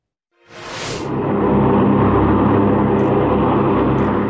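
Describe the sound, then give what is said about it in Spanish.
An MQ-9 Reaper unmanned drone aircraft in flight, its engine and propeller giving a loud, steady, rumbling drone with a low hum that rises abruptly from silence and holds throughout, with no voices. “Las aeronaves no tripuladas MQ-9 Reaper actualmente operan en África y se desconoce cuántas serían enviadas al Comando Sur.”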